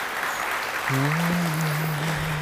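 An audience claps steadily in a dense, continuous patter that fills the whole clip; about a second in, a low sustained hum or held note joins beneath the applause.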